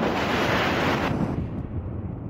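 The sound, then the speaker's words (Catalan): A loud, continuous roar of wind from a strong storm outdoors rushes and buffets steadily, with gusty surging and a slight easing toward the end; no voices are heard. “I ara, a fora, una forta tempesta tenyeix el dia de negró.”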